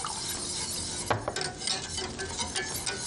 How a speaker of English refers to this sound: Lemon juice is ready. All right. So we're going to put the lemon juice in. It's like 3 tablespoons of lemon juice. So we're going to pour it in. This also helps it to coagulate as well.